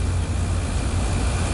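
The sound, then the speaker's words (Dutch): A steady, droning hum of an air conditioner running in Studio Halve's space on the top floor of the Castellum, a glass building with a flat roof, with a strong low-pitched rumble and a broad whooshing hiss above it, constant in level with no speech. “En om het hier draaglijk te maken hebben we er dus een airco neergezet.”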